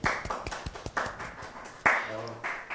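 An audience applauds a guest, a cultural manager from Tomé, on the Gevisión channel of Escuela Gabriela Mistral: a steady patter of overlapping hand claps, fairly loud and irregular, with a few sharper claps standing out and faint voices murmuring underneath.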